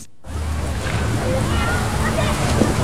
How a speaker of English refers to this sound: These are the sounds of Idaho's waters.